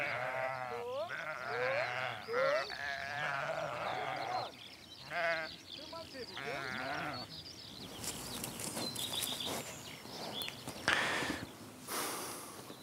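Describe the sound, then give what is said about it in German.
Several sheep bleat over and over, wavering calls overlapping in the first half, followed by rustling, shuffling movement with a few scattered bleats toward the end. “Über Kommunikation kann man von Schafen ganz, ganz viel lernen, weil die sind sozusagen, sie sind ja auch soziale Tiere, so wie wir.”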